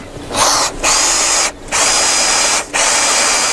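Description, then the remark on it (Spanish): A power drill whirs loudly in three sustained bursts as a plate is drilled, each separated by a brief pause as the trigger is released, with a steady high-pitched motor whine. “La taladraste bien.”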